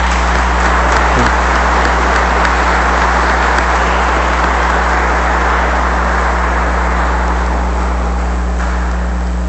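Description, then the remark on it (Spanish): Sustained applause of congratulation from an audience at a church celebration, a dense, even crackle of many hands clapping that holds steady and loud for the whole stretch, with a low electrical hum underneath and no voices. “Y le damos un aplauso de felicitación a cada uno de ustedes.”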